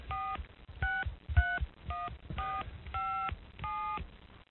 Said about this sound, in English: I wonder if I can dial out on this phone. All right! Come on, Mom. Be there. Be there.